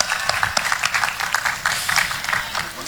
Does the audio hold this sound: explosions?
no